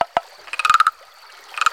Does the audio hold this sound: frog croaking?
yes